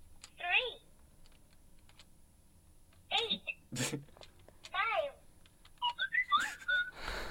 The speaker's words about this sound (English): For those of you listening in, this is like a plastic phone. It looks like a dog. It does have, like, a keypad on it. You see what kind of sounds it makes if you want to buzz in.